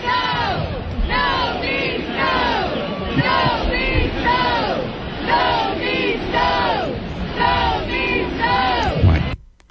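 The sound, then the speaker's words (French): A large arena crowd chants "No means no" in unison, loudly repeating the short rhythmic phrase again and again in a steady, pulsing cadence, with many voices blending into a continuous roar between beats. “La foule scandait.”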